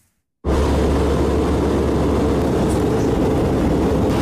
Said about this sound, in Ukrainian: Шведські «Гріпени» супроводжують президентський літак на шляху до авіабази у місті Упсала.